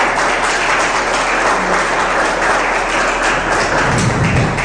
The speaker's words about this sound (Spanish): Dale fuerte aplauso, hermano, hermano.